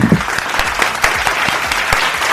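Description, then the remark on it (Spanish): A burst of clapping from a group of people for the winner of a prize draw, steady and fairly loud throughout, with dense overlapping hand claps forming a continuous rattling texture. “Beso, medalla y aplauso para Dori.”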